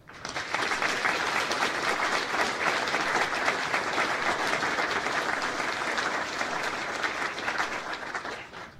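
A large audience applauds steadily at a university matriculation ceremony with the rectors: a dense, sustained wash of many hands clapping at a fairly loud level for several seconds, with no talking over it.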